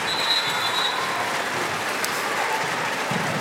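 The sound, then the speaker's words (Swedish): A large stadium crowd at a football match involving Sweden roars steadily and whistles at a duel between two players, with a thin, high whistle rising out of the din near the start and the dense noise holding throughout. “Duell mellan Sandberg och nämnda Bregård är det som får publiken att vissla”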